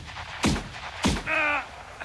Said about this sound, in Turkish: Şu taraftan geldi silah sesleri.